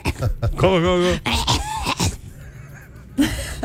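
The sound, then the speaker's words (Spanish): Loud bursts of rough coughing and throat noise, with a strained, wheezy voiced stretch early on and a few harsh hacks following. “Y yo dije, todavía están trabajando en la 72 y eras tú que estabas tosiendo.”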